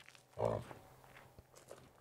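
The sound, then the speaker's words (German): A single low, harmonic grunt from a yak, fairly loud, lasting about a third of a second, followed by faint rustling and a soft thud in quiet surroundings. “Und grunzen gern. Nochmal.”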